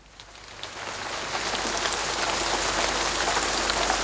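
Steady rain pours down in a dense, hissing patter, swelling slightly louder over the first seconds and then holding constant, with no voices present.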